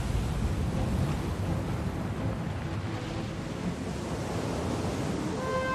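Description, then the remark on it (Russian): Sea waves splash and wash in a steady, continuous roar, fairly loud, with a faint tonal hum creeping in near the end and no voices. “Кораблики, подняв паруса, весело плывут по волнам.”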